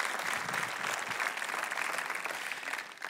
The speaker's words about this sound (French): Et comme Pierre, que ceux qui sont jeunes de tous les âges, pouvez-vous applaudir et encourager nos jeunes qui ont besoin de savoir ce matin.